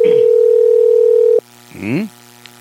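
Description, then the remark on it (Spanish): A steady, loud phone ringing tone sounds for over a second while calling a candidate for the province of Oxapampa, then cuts off abruptly, followed by a brief bit of voice. “¿Nos atenderá o no?”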